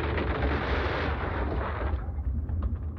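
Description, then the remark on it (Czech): A terrible roar and rumbling resounds through a forest as the ground begins to shake: a loud, deep rumbling roar churns steadily for about three seconds, heavy in the low end with a rough, crackling texture; its upper hiss dulls slightly toward the end. No voices. “V tom se lesem rozlehl strašlivý ryk a hřmot a země se začala otřásat.”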